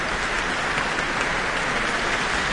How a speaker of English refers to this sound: And we have Leonie Holmes coming to the stage to receive her very warm applause from the Auckland audience tonight.